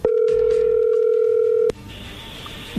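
A steady, mid-pitched telephone tone hums loudly for under two seconds as a phone call is dialed, then cuts off abruptly with a click as the call connects, leaving a faint hiss of an open line.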